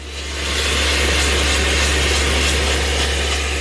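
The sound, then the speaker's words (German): A hydraulic drilling machine, run by specialists from an outside construction firm and steered from the terrace above, bores into the rock wall below the Restaurant Trois Rois terrace. It runs with a steady, loud mechanical drone, a deep low hum beneath a broad grinding hiss that holds constant throughout, with no voices. “Sein Kollege oben steuert die hydraulische Bohrmaschine.”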